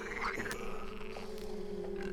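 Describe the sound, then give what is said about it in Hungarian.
A loud, rasping snore of a big swineherd asleep drones on steadily for a couple of seconds, with a rough, grunting rattle beneath a sustained throaty tone. It is alone, with no talking. “Nem is lett volna nagyobb baj, ha a nagy kanász álmában nem horkant egy akkorát, mint amilyet még az öreg magfa sem hallott.”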